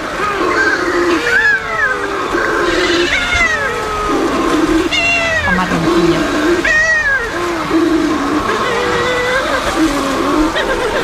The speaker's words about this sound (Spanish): donde tenemos también en el archipiélago de Cabrera un pariente, la pardela balear, que es una especie que cría solo en el Mediterráneo, casi solo en Baleares, está en peligro de extinción y tiene una voz aún más sutil. Sutil. Es más delicada.